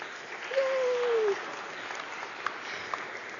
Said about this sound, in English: greet the newest member of the family of God with our applause.